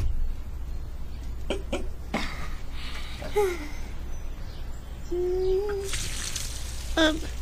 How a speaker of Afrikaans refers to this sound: Ja, wag julle nou net dat ek die plantjies kan water gee.